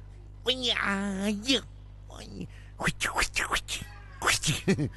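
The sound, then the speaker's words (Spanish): A person imitates Bruce Lee-style cat-like martial-arts cries: a long, wavering yowl, then a rapid string of short, sharp, high-pitched shrieks and squeals, loud. “Y sí, hacía medio como gato, era tipo gato,”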